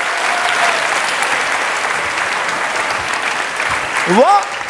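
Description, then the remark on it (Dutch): A crowd bursts into sustained applause, dense and steady throughout, with a few whoops or cheers rising near the end. “Klappen!”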